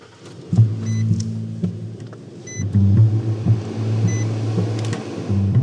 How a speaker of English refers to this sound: So I hop in his truck and away we go. All right, off we go.